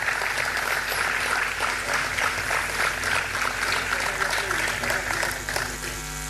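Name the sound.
audience applause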